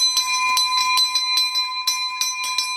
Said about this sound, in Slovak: Tak vy už máte elektronický zvonec, ale tento asi zrejme používate občas. Samozrejme je veľmi blízky k nášmu srdcu, lebo tento zvonec ešte pochádza z pôvodnej budovy. Sme ho stadiel ešte zdedili a ho chránime tu.